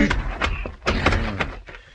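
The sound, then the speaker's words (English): A quick series of heavy blows from a wooden club striking a man at the back door of the Four Aces Saloon, each landing as a loud dull thud amid scuffling noise, with no clear speech. “On the way, I picked up a club.”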